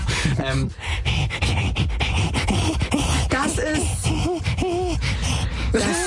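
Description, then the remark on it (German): A silverback gorilla being tickled, giving loud, breathy panting grunts and gasping huffs in quick bursts, with rising and falling hoarse vocal tones throughout. “Ein Silberrücken-Gorilla? Warte. Ja.”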